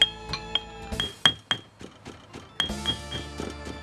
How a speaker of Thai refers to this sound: นำพาพริกแห้งลงครกยกสากโขลกต่อไป